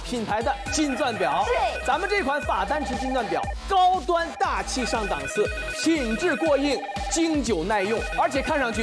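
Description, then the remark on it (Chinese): Several telephones ring at once in a busy, overlapping chorus of electronic bells and ringtones, loud and continuous for the whole stretch with no pauses. They are hotline phones ringing as viewers call in about the 法丹池 (Fadanchi) gold-diamond watch. “哇，我们热线一直是响个不停，许多观众朋友们啊纷纷打来电话，都想拿到咱们这款法丹池金钻表。”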